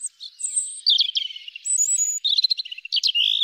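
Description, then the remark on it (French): A European robin sings a rapid, high-pitched warbling song of varied trills and thin whistles, phrases following close together, clear with no voices present. “Durant les beaux jours, de septembre à décembre, vous pourrez entendre le chant du rouge-gorge.”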